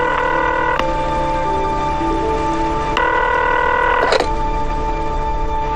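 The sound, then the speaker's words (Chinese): A telephone call being dialed to an old family home in Xishui: steady electronic tones that shift pitch a few times, broken by brief clicks, over a constant low hum. Nobody speaks. “拨通了溪水老家的电话。”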